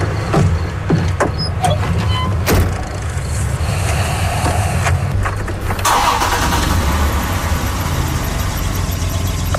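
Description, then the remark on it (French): A car engine cranks and turns over, then settles into a steady, loud rumble, with a brief surge in the middle; the car has no gas left. No voices are heard. “Puis ce qu'on voit pas, c'est que quand il ouvre le moteur, il n'y a plus d'essence dans le char.”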